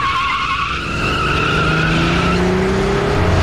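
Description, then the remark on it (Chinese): An SUV's tires squeal loudly in a sustained screech as the driver jerks the steering wheel and it swerves hard onto the fast lane, the engine revving and climbing in pitch underneath, continuous for the whole few seconds. “董杰猛打方向盘，越野车开上快车道。”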